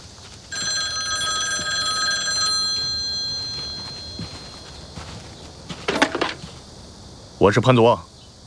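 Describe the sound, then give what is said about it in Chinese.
A telephone rings once with a steady, bright electronic tone lasting about two seconds, clear, followed by quiet room tone and a couple of brief, louder bursts of sound. “我给你打这个电话啊，是作为 曾经的同僚。”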